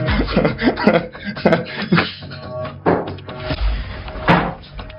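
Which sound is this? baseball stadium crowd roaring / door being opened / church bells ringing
door being opened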